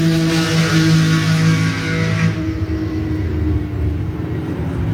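Racing cars, one of them white, roar loudly and continuously during a track session, their engines droning at a steady pitch before the sound suddenly dulls midway, as if the cars sweep past and move away. No one speaks.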